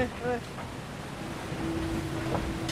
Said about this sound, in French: Le bateau qui peu à peu prend de la vitesse, on le sent, et qui se prépare à décoller. Le bateau a décollé. Oui, j'ai senti qu'il y avait un truc là.